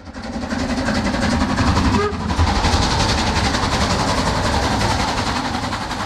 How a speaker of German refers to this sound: Der Zug mit der Dampflok fuhr zunächst von Prag nach Cheb und dann als Personenzug Nummer 3717 weiter in die Grenzstadt Asch.